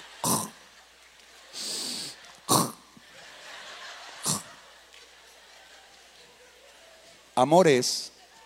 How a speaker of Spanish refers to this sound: Y está roncando, pero es un ronquido muy fino, muy selecto.